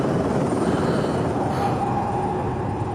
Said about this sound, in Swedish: Helikoptern cirklade över godset.